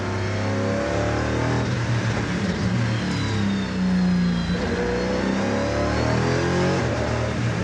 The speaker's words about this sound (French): Ça, c'est de la vraie caisse de course. Une chose, c'est qu'il y a du grip. Ça m'arrache le cou dans le bosset, ça m'arrache la tête. Ça, j'accélère en première, à fond, il n'y a pas un pet de pas.